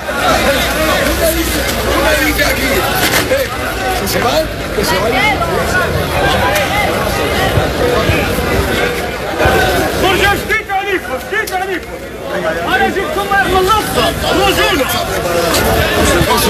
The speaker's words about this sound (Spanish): durante la tarde ha habido en algún momento tumulto, es decir, gritos, intentos de empujar